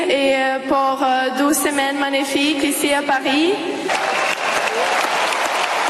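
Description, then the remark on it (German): A large crowd at a tennis stadium in Paris applauds steadily while a woman, the 19-year-old champion Mira Andreeva, speaks over the clapping, thanking in French; after her voice stops, the dense, loud applause continues on its own. “Und das Publikum zu Applaus.”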